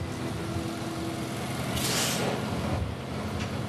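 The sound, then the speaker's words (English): A heavy truck rumbles as it pulls into a farmyard and parks, its engine droning low, then a sharp hiss of air brakes bursts out midway as it comes to a stop. No one speaks. “He's parked his truck in the farmyard.”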